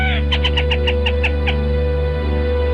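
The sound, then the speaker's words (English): A black rail (Lateralis jamaicensis) sings its typical song, a quick run of about eight sharp, evenly spaced notes that stop abruptly, heard alone over a steady low background hum. “The black rail, Lateralis jamaicensis. Today's Talkin' Birds featured feathered friend.”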